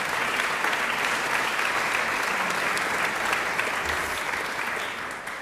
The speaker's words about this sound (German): Einen großen Applaus